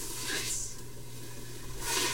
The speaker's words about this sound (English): We're just browning, so gotcha. It's sautéing. Okay, yeah, ready? Yeah, yeah, oh, absolutely. Let's take some time. And is that sizzle the sound you want when it hits the pan? Yes.